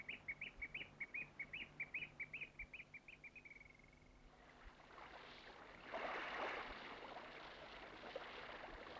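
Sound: nightingale singing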